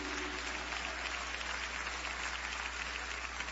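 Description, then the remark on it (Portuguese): A church audience applauds for Jesus Christ at a celebration of another year of Fundação Reviver, steadily, a dense wash of many hands clapping at an even level throughout with no voices standing out, plus a low constant hum underneath. “Você pode aplaudir o nosso Senhor Jesus Cristo?”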